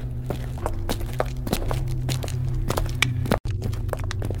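Brisk footsteps stride with long steps along a hard corridor floor in a steady, fairly quick rhythm. They are moderately loud over a low continuous hum, with a brief drop-out near the end.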